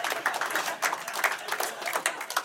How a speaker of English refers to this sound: Applause break on the diarrhea joke. Classy, Cedar Rapids.